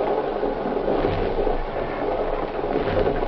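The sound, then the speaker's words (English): A steady, continuous rumble of a moving train heard from inside a carriage, a dense low roar with faint clattering texture that never lets up, with no voices. “Now, if I can get to that door, I can try to get off of this here train.”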